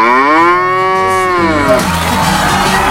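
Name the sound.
cow mooing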